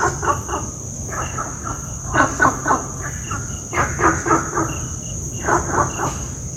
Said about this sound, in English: I have for you an audio recording of Gunther's frog in Singapore. Riveton barks, but no rivet is heard.